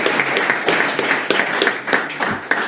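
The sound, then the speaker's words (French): An audience applauds steadily for the president of Galian SMA BTP, a dense wash of many hands clapping at once with a few sharper claps standing out, fairly loud throughout. “Applaudissements. Pour notre super président.”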